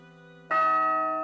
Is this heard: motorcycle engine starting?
no